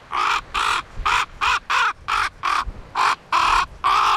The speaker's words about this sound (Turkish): Benimki kuzgundu.